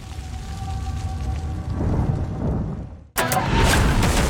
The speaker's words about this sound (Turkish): Bir patlama oldu.